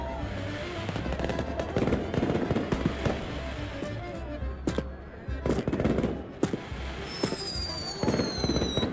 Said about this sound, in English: The fireworks are beautiful.